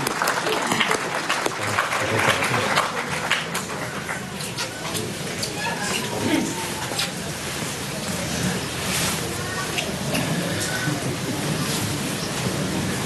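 An audience at a Eucharist applauds the choir from Ferns and Drobor with steady, sustained clapping for the whole stretch, a dense crackle of many hands at a fairly even level with no talking over it.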